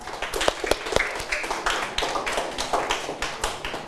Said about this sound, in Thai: ปรบมือให้กับเพื่อนหน่อยครับนักเรียนนะครับ